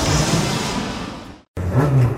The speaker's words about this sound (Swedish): Vilket ös! Ja, nu värmer de upp på gräsmatta inför racet ikväll. Med folkracebilarna?